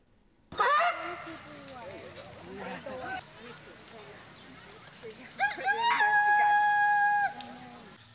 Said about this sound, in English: This weekend, more than just roosters were crowing at the 46th annual Wayne Chicken Show.